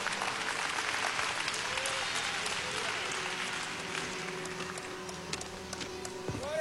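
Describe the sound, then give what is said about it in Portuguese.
An audience at a special family church service applauds in honor of Jesus, dense overlapping clapping with scattered voices and cheers mixed in, holding strong throughout and easing only slightly toward the end. “Toda honra e todo aplauso ao nosso Senhor Jesus.”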